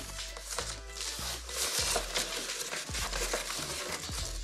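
Crinkly plastic film rips and crackles as a cutter knife drags through it, the film tearing at once, a continuous scratchy tearing with small irregular snaps and pops, no voices present.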